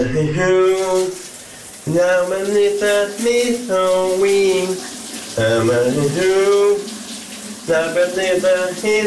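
A man sings loudly in the shower on a Friday morning in sustained, melodic phrases over the steady hiss of running shower water, his voice echoing slightly as the spray continues underneath throughout.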